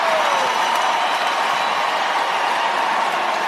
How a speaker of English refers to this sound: Crowd reacting a moment ago to George Kittle, 49ers player, taking a big swig of beer wearing a Nashville Predators jersey.